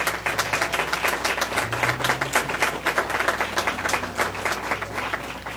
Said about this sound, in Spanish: También queremos agradecer la participación musical a cargo del ensamble universitario Levi. Sabemos, el aplauso, por favor.